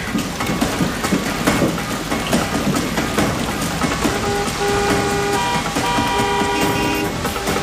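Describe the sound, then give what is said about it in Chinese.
Several car horns honk in a traffic jam over a steady rumble of idling traffic, overlapping toots, with a few long sustained blasts toward the end. “啊？怎么堵车了呀？”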